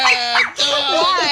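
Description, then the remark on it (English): A man's voice imitates a small dog's yappy barking in two quick, high, strained bursts, loud, with no other sounds around it. “If your dog sound like that,”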